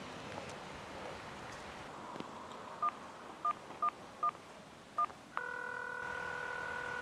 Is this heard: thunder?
no